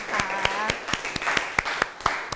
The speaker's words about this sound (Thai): มันคือ โครโมโซม นั่นเองเอาปรบมือให้ตัวเอง